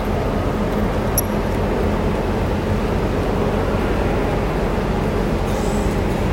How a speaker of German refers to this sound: Hier für einen Euro kann man eine ganze Menge Züge fahren lassen.